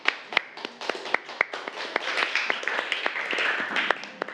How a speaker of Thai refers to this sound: เก่งมากปรบมือให้กลุ่มหนึ่งค่ะ